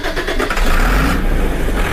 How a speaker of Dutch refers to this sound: Met grote tractoren rijdt boer Murat Adjev over de hectare grond